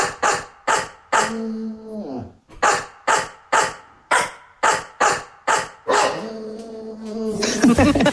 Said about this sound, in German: Okay, wir haben jetzt ja Bulldogge Horst, ja? Und wir hören nochmal kurz rein, wie das klingt, wenn Horst einen HR4-Hit bellt.